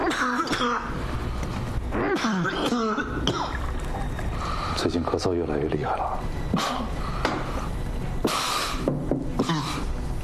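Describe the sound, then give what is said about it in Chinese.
A person coughs repeatedly and clears their throat, the harsh bursts coming at irregular intervals over a steady low background rumble, with strained vocal sounds between them. “最近咳嗽越来越厉害了，明天我安排你去趟医院，你必须要去。”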